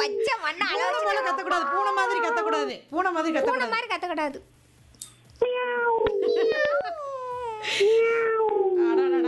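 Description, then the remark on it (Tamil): A person imitates a cat, giving a series of long, drawn-out wailing meows, four or so in a row with brief pauses, loud. “சங்கரங்கோயில இருந்து பூனை வந்திருக்குது.”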